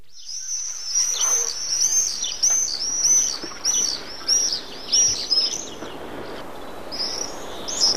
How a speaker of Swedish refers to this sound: Här hör vi alltså tornseglaren som har utsetts till årets fågel. I dessa dagar återvänder tornseglarna från södra Afrika, men arten är starkt hotad.